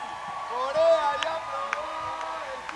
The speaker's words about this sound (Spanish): Ahorita va a haber ovación para coreano. Ovación para coreano.